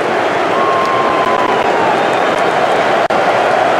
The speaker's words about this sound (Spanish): Se va Bellingham de la cancha, la figura de Inglaterra. Sí. Así despide Miami a Jude Bellingham. Con esta ovación.